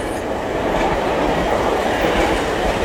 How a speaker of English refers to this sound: The train is pulling up to the station.